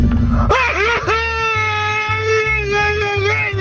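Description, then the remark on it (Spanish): A traditional Mexican grito sent as a WhatsApp voice message: one loud voice breaks into a high, wavering yell that swoops up and then holds a long sustained cry over a steady, thumping bass beat. “De lo que siguen mandando su grito mexicano al WhatsApp”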